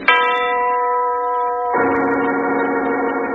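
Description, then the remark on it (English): A huge tower clock overlooking a house in the country strikes twice, each loud stroke of its bell ringing out with a rich, sustained hum of overtones that carries into the next blow. “The voice of the giant, the huge tower clock that overlooks the strange house in the country, the clock whose owner died of a heart attack 2 weeks ago.”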